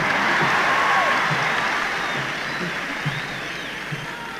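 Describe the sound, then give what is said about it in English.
A concert crowd claps in a dense, steady roar, with scattered shouts and whistles rising above it. The ovation holds strong for several seconds, then slowly thins and fades. “I guess I don't mind if you yell all between the songs, you know, that's sort of like a scratch on a record, you know, on an album.”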